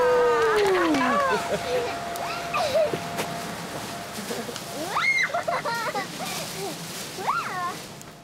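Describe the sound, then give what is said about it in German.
Sea waves of the Baltic Sea splash and wash steadily throughout, with sliding high-pitched cries and exclamations breaking over the surf at several moments. “Achtung, jetzt kommt das Meer.”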